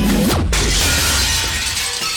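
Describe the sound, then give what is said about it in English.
A loud crash of glass shattering, opening with a sharp impact and breaking into a dense, bright spray of tinkling shards that rings on for a couple of seconds. “One quick call will not only get that glass replaced, but solve any glazing mysteries you have.”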